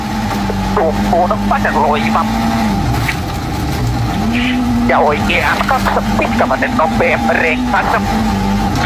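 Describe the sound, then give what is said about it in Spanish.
A rally car engine drones steadily at speed, its pitch dipping briefly before climbing back, beneath a person talking throughout. The sound is from aboard Finnish driver Sami Pajari's rally car on a rally stage at San Rosendo. “Disfrutando, disfrutando el rally desde todos los lados, arriba del auto de Sami Pajari, del Finés.”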